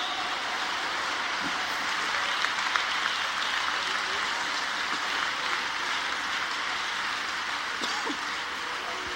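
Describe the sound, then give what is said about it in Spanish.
An audience applauds steadily, a dense wash of many hands clapping that holds at an even level for several seconds without pause. “Dele ese aplauso, mi Dios santo.”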